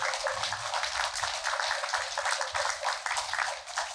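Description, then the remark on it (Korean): An audience applauds steadily for several seconds in thanks to a Buddhist monk who raised donations for a welfare facility, a dense, crackling wash of many hands clapping at once, fairly loud and even throughout, with no voices over it. “정덕스님께 큰 감사의 마음을 담아서 큰 박수를 보내주십니다.”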